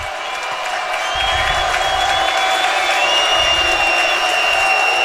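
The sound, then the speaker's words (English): A large stadium crowd on its feet roars and cheers loudly in a sustained, dense wash of voices, with shrill whistles and whoops rising above it and no pauses, as the Bombers, down 29-28 with 3 seconds left, line up a 25-yard field goal. “And the crowd does get on their feet, and they are getting loud.”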